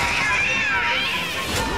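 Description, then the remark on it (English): A cat meows in a drawn-out, wavering cry lasting nearly two seconds, loud, with a busy, noisy background underneath. “A cat?”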